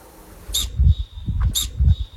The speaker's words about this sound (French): Le bouquetin ? Le bouquetin, oui, c'est le bouquetin.